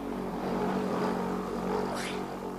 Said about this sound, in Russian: Машина, я думала, под колеса попадешь, испугалась.